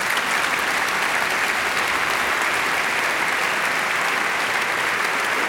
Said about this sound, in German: Das ist ein Applaus wert.